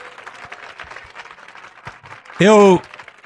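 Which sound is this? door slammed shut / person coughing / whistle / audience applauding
audience applauding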